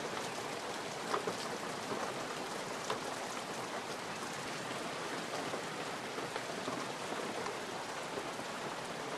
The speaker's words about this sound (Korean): 때까치 둥지에도 굵은 비가 떨어집니다. 품속의 새끼들이 비를 맞으면 위험해질 수도 있죠. 어미는 온몸으로 비를 막습니다.